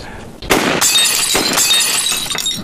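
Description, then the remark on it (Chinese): A sudden sharp gunshot crack sets off loud glass shattering, with a second crash and a shower of tinkling shards continuing to fall and scatter for a couple of seconds. “好， 好，好，好，好，好，好，好枪法。”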